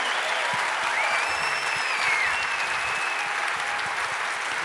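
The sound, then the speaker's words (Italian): A crowd at a Movimento 5 Stelle event applauds Pirondini, Ricciardi and Tridico, a dense, continuous wash of clapping holding at an even, loud level throughout, with a faint whistle sliding through the noise partway in. “Mi sembra già abbastanza forte, ma facciamolo a tutti e tre, Pirondini, Ricciardi, Tridico, un bel applauso.”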